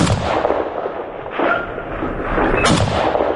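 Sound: gunfire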